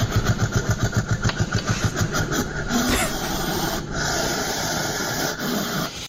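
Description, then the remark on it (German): A hedgehog hisses and huffs, starting with a quick run of rhythmic, raspy puffs that merge into a steady, rough hissing snort. It is fairly loud, with no talking. “Ein Igel? Das ist korrekt.”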